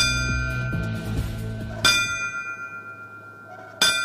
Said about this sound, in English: The ringing of bells honor the fallen firefighters on that fateful day during yesterday's Riverfront Museum 9/11 Remembrance Ceremony.